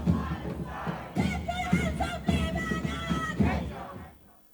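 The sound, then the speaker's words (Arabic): A crowd of pro-Palestinian protesters in Berlin, Germany, demonstrating against the Israeli assault on Gaza and Lebanon, chants slogans against the Israeli occupation in unison, voices rising in rhythmic bursts about once a second, loud, fading out at the end. “ورفع المتظاهرون الأعلام الفلسطينية واللبنانية ولافتات تطالب بوقف الإبادة الجماعية في قطاع غزة، كما رددوا هتافات مناهضة للاحتلال الإسرائيلي.”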